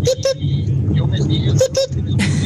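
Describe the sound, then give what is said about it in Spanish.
A voice imitates the car-alarm sound a 5200 model flip phone made when opened, with short, repeated chirping bursts in an uneven rhythm, loud, over a low rumbling background. “Y vos abrías tipo tapita y hacía ruido de auto, ese de alarma.”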